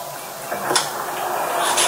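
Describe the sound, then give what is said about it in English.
A man's door is pulled open for a sheriff's deputy in Okaloosa County, Florida, with a short clunk and a scraping slide, set against a steady, rough hiss like a muffled outdoor recording, with a second brighter rustle right at the end. “It took seconds for a Black man to open his door and for a deputy to fire.”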